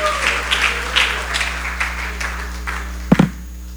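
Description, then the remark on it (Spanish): A church audience applauds together during a worship service, clapping in praise of God, a steady wash of many hands clapping with loose rhythmic surges, ending in a couple of sharper, louder claps or thumps. “Dele esos aplausos al que vive y que reina.”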